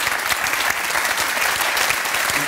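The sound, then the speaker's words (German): Steady, dense applause from an audience for a guest who is a bestselling author and commentator, a continuous wash of many hands clapping at once, fairly loud throughout, with no talking over it. “aber da haben Sie noch einen Applaus.”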